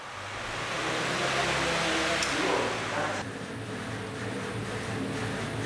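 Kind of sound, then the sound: machine, electric fan running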